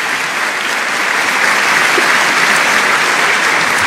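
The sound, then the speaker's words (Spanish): A church audience claps loudly and steadily in applause to the Lord, a dense wash of many hands applauding together that holds at full strength for several seconds with no voices standing out. “Dale ese aplauso grande al Señor si está entendiendo la palabra.”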